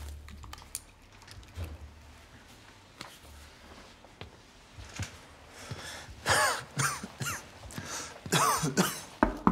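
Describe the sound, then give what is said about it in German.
Soft, irregular keyboard tapping gives way to two harsh bouts of coughing from a patient coughing up blood at a doctor's office, each a short cluster of rough, throaty bursts, with no talking. “Ich musste husten und plötzlich war da Blut.”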